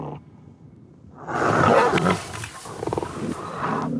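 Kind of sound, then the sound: animal, lion growling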